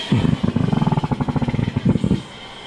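Hydrogen gas rushes through thick hoses into a balloon being readied for launch, with a rapid, low, buzzing rattle, a steady train of sharp pulses lasting about two seconds before cutting off. No voices.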